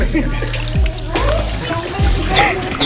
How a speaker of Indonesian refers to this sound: Jadi kan bekas pengupasan masih ada tanah. Ini sambil dialiri air. Goyang ke kiri, goyang ke kanan terus.